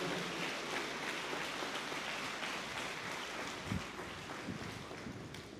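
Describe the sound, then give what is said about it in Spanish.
An audience at Mass applauds to welcome Father Rosendo, vicar at Nuestra Señora de Guadalupe y San Juan Diego in Bosques de Saloya, who is presiding the Eucharist: a dense, steady wash of clapping that holds for several seconds, then tapers slightly toward the end. No voices are heard. “Un fuerte aplauso para el Padre.”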